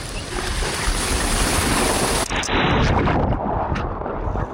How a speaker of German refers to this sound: Rein ins Wasser über eine Superrutsche.